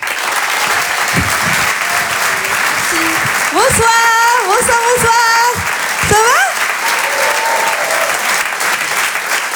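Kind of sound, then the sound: crowd, audience applauding loudly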